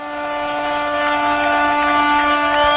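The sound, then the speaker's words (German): A ship and harbour boats sound their horns together in celebration at a traditional festival after a ring thrown into the water by the Bishop of Ravenna is found: a sustained, steady chorus of deep and mid-pitched tones, loud and unbroken throughout, with no one speaking. “Da freut sich das Schiff und der ganze Hafen, wie Sie hören.”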